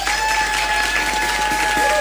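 Loud, dense applause from a crowd, a steady wash of many hands clapping at once, with a couple of faint sustained tones ringing underneath.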